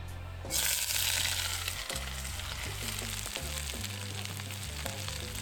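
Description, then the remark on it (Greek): Vegetables, including carrot and pepper, hit hot extra virgin olive oil in a cast-iron wok with a sudden loud hiss, then a steady crackling sizzle continues, with occasional scraping stirs and low clanks beneath it. “Με λίγο λαδάκι να σοδάρουμε. Κρέτα βοτάνικα, σιτία, έξτρα παρθένο, στιακό ελαιόλαδο. Μέσα τα λαχανικά και ακούστε.”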